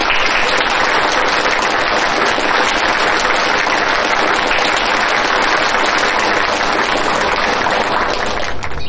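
Loud, sustained applause from a crowd, a dense wash of many hands clapping that holds steady for about nine seconds before starting to taper at the very end. No voices are heard.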